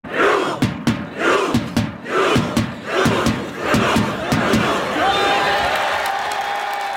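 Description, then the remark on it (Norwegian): A large outdoor crowd of Norwegian football fans at Slottsplassen in Oslo, several hours before kickoff, chants rhythmically and loudly, punctuated by sharp regular claps or bangs; toward the end the chanting loosens and a steady horn-like tone sounds over the crowd noise. “Flere timer før kampstart hørtes det slik ut på Slottsplassen.”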